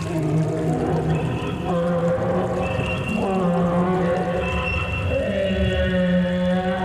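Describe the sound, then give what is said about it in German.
A mastodon weeping bitterly 123,000 years ago after losing its barely hatched calf in the stream's waters, heard as long, mournful, whale-like moans with rising and falling tones, layered over a steady low rumble, with no voices. “Vor 123.000 Jahren verlor ein Mastodon das kaum geschlüpfte Kälbchen in seinen Fluten und weinte gar bitterlich.”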